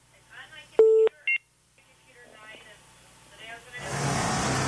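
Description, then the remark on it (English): An incoming Skype call alert sounds as two loud electronic beeps, a longer tone followed by a short one, over faint background talk in a radio studio, before a rushing noise swells at the end. “What's that beep?”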